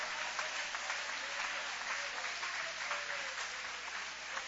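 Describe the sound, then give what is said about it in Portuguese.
An audience applauds steadily to glorify God, a dense, even wash of many hands clapping that holds at a constant level for several seconds with no voices standing out. “Levanta a mão então aplaudindo a Ele, glorificando a Ele.”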